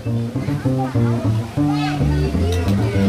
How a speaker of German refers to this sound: Ein paar Kinder spielen am Teich und kreischen.